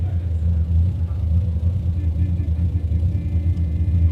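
A car engine idles with a steady, deep low rumble that holds at an even loudness throughout, with faint higher hum above it and no talking.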